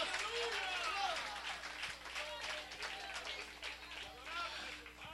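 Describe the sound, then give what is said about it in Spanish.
A church audience bursts into sustained, dense applause for the Lord, many hands clapping at once with excited voices and cheers rising through the crowd, steady and loud for several seconds. “¿Cuántos alaban al Señor en esta hora? Dele fuerte ese aplauso si es para Él.”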